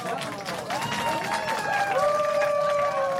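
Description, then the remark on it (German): A crowd applauds steadily for about three seconds, a dense patter of clapping with a few sustained whoops or whistle-like tones riding on top, holding at a fairly loud, even level. “Ein Applaus für das.”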